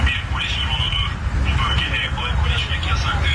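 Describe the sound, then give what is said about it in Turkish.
A tinny, amplified voice makes a police warning announcement through a drone's loudspeaker from above, aimed at people drinking alcohol in an open area by the city walls in Fatih, Istanbul, steady and continuous over a low droning hum and outdoor rumble. “Polis dronla böyle sesli uyarı yaptı.”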